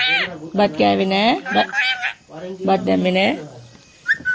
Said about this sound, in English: the parrot demands rice from her perch on a balcony in Dambagula village.